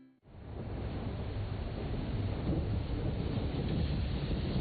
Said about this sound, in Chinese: 听，这就是台风来临时的风声雨声。